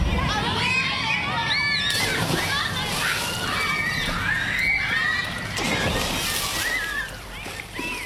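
Busy outdoor swimming pool in Bairnsdale, Gippsland, Australia, with continuous splashing and sloshing water, children's shouts and chatter scattered throughout, and a lively, fairly loud crowd ambience.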